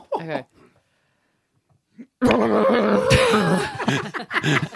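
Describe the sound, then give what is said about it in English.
A person makes a loud, strained vocal imitation of a horse trapped in a plastic bag, for a game called Animals in Predicaments, with whinnying, snorting bursts of rising and falling pitch, after a brief pause and a short voiced sound. “I would like you to give to me a horse trapped in a plastic bag.”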